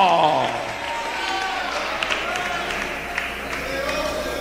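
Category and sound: crowd, audience applauding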